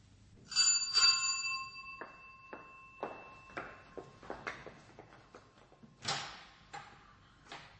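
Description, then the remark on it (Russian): A doorbell rings with two bright chimes whose tones hang in the air, followed by a series of clicks, clunks and knocks as a door is unlatched and opened. No one speaks. “В первый раз я не успела открыть вам дверь до того, как вы позвонили.”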